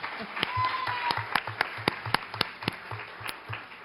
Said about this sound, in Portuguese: Parabéns para vocês. Salve de palmas.